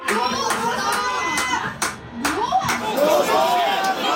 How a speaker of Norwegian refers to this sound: De desperate ropene for at dommeren skal avslutte kampen like, men de kommer fra helt forskjellige steder. Noen ser kampen med borettslaget sitt i Trondheim, mens de andre ser den på en bar i Oslo.